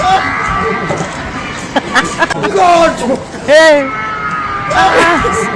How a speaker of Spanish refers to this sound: Ver una vez más, perdón que lo pida, pero el grito es hermoso, por favor, si lo podemos repetir.